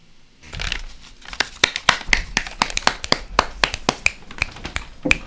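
Several people snap their fingers in place of applause, a quick scattered patter of sharp, crisp clicks that keeps going steadily for several seconds with no voices.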